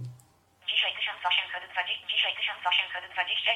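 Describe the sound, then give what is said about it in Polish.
A small, tinny synthesized voice speaks from a phone with a motion-sensor step counter, starting automatically as the phone is moved, band-limited and thin, talking continuously for a few seconds after a brief quiet start. “Widzę teraz, że nawet sam zaczyna mówić automatycznie, jak telefonem ruszam w nieco innych płaszczyznach.”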